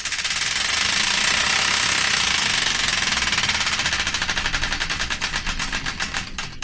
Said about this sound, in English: The Wheel of Destiny is here ready to be spun, so without further ado, let's spin it and find out the song that's kicked things off, right here on the random number one show here on Hull's 107 FM.